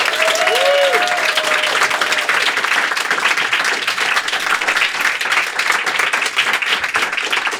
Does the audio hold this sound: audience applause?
yes